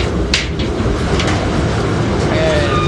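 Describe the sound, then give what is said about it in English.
A heavy industrial laundry dryer in a Navy laundry, holding about 100 pounds of laundry, has its door pulled open over a loud, steady machine rumble, with a couple of sharp metallic clunks early on and a thin squeal of the hinge near the end. “Right now I'm opening the dryer. The dryer holds about 100 pounds of laundry.”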